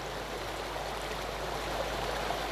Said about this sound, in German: Wasser fließt.